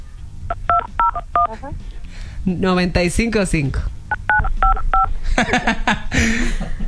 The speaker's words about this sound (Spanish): Sí, aquí escuchamos que lo acabas de marcar, pero no pasa nada.